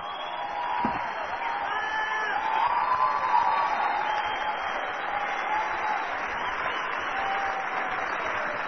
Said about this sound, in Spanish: ¡Oh! ¡Tienen el mayor aplauso de la historia!